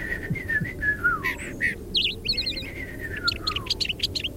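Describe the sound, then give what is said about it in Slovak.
A small robin sitting in a tree in a garden sings a lively, varied song of clear whistles, quick chirps and rapid trills, over a steady low background rumble with no talking. “Rastú v nej stromy a na jednom z nich sedel malý vtáčik. Prekrásne spieval.”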